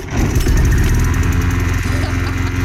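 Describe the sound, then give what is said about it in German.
A small petrol lawn mower engine runs steadily and loudly, droning at a constant rumbling pitch with no voices. “Um diese Uhrzeit gehen die Rasenmäher an.”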